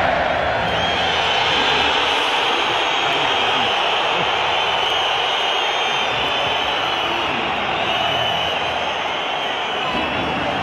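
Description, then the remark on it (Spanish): A stadium crowd of Atlético de Madrid fans boos and whistles at Julián Álvarez as the official stadium announcer introduces him at the Riyadh Air stadium, a loud, dense roar that holds steady for the whole stretch, with shrill whistling riding on top. “aquí está el abucheo de la afición del colchonero a Julián Álvarez”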